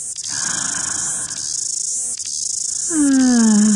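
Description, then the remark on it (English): A dense, steady cicada chorus drones loudly and continuously, with a brief falling whistle-like tone rising over it near the end. “The sound of summer. Really is. Love the mighty cicada.”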